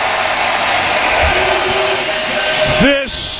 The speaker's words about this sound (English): I don't know if you can hear me over this crowd. I have to turn my earpiece all the way up, which is always a great sign when you're the home team, man.